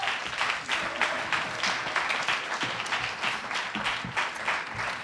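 An audience at a slam poetry contest applauds steadily for five seconds after the jury gives its scores, a dense, bright patter of many hands clapping at once with no voices rising above it and no break in the sound.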